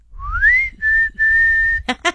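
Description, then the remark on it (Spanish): A person whistles a family's special signal whistle in three parts: a rising note sliding up, then two steady sustained tones, loud, followed by brief bursts of speech at the end. “Y ahorita si me están escuchando van a voltear todos a ver quién está chiflando.”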